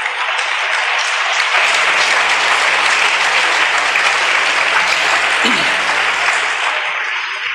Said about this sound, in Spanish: Bueno, dé el aplauso pues y ya le digo lo otro.